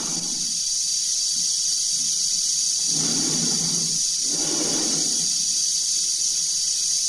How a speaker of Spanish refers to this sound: se ve la cara tensa de Dave, cuya respiración se amplifica por los transmisores